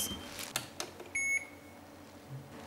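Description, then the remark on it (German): A mobile phone gives a single short, high electronic ring tone, clear, after a few soft clicks and handling knocks, while someone is weighing tortoises on a scale. “Das geht mein Handy.”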